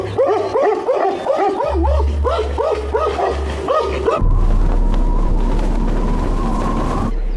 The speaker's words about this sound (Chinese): 流浪狗们也不敢再招惹这个庞然大物，直到棕熊吃饱了准备离开，才又义愤填膺地狂吠一气，将它送走。